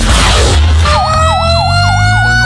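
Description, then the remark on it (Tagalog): A Makati City Fire Department fire truck siren wails loudly as it responds to a fire on a narrow street in Barangay Bangkal, Makati City, on a Saturday afternoon; its rapid rising-and-falling yelp repeats over the deep rumble of a heavy engine. No one speaks. “Re-responde sa sunog ang mga tauhan ng Makati City Fire Department nang madaan ang kanilang mga truck sa kalsadang ito sa Barangay Bangkal, mag-aalas 2:30 Sabado ng hapon.”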